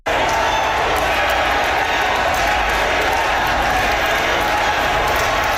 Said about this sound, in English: A crowd of supporters cheered and chanted Carrie Lynn's name once she was announced as the winner